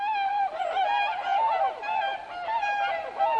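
A flock of large white swans calls continuously, many high, honking and whooping voices overlapping into a dense, steady chorus with no pauses and no one speaking.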